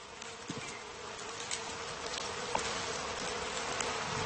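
A dense swarm of honeybees hums around their hive as a fire is lit to make smoke that calms them, a steady, continuous buzzing with a few individual bees briefly passing louder. No one speaks.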